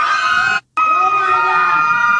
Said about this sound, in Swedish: Skrikande barn. Gud, panik.